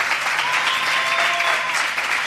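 Steady audience applause on VCF Radio for the child president of the Falla Obispo Amigo Cuenca, a dense wash of many hands clapping at a constant, fairly loud level throughout, with no talking over it.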